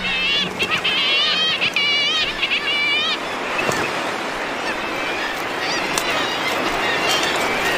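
Guillemot chick and parent calls at a cliff-ledge nest: a burst of shrill, warbling cries from a fluffy chick and its parent repeats rapidly for about three seconds, then gives way to a steady hiss of rushing wind and a busy seabird colony.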